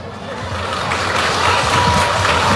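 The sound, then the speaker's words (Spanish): A crowd applauds the welcoming words of the international president of Sendadé, a dense, steady wash of many hands clapping together that stays loud throughout and swells slightly toward the end, with no single voice standing out. “Fuerte los aplausos para las palabras de bienvenida”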